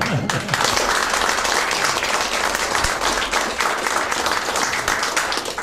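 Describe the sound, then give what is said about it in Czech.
A crowd applauds steadily throughout, a dense, loud wash of many hands clapping at once with no break, holding a constant level for several seconds. “Ale zatleskáme vám.”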